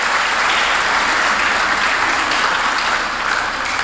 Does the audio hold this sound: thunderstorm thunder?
no